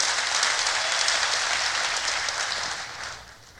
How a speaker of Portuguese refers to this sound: Pode dar uma melhor salva de palmas a Ele, ao Senhor.